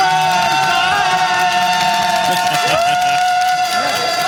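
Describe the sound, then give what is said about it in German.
A small, loud crowd of six work colleagues cheering and shouting continuously, with steady horn-like tones from toy horns droning through and clapping noise from clapping fans underneath, energetic like a football stadium. “Es sind zwar unter Anführungszeichen nur 6 Mann, die können aber einen Wirbel machen wie in einem Fußballstadion, würde ich sagen.”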